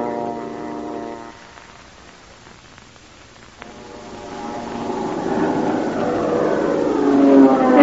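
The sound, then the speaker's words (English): A propeller airplane drones past, its engine hum fading briefly before swelling again as it approaches, growing steadily louder by the end. No one speaks. “Plane.”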